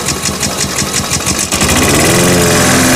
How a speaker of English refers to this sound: Here's another one. Maybe your neighbour's doing it at the moment there. The lawnmower.